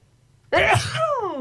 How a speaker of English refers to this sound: I'm going to sneeze. Oh.